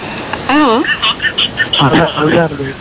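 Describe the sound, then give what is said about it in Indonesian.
A radio monitor broadcast plays in the background of a caller's phone line, its voices thin and tinny with a warbling, echoing quality, filling the line continuously for a few seconds. “mungkin bisa dikecil dulu nih radio monitornya.”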